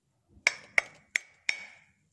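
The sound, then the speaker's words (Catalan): Four sharp knocks struck on a thick stone millstone made of a single piece, each leaving a brief, bright ringing tone that fades quickly; the strikes come at a slightly uneven pace, with no voices. “Aviam, piquem, aviam com sona la mola.”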